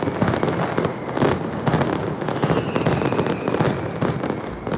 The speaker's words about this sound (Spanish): Bueno, pues hoy se ha disparado precisamente la penúltima mascleta del tradicional concurso de mascletas de Alicante.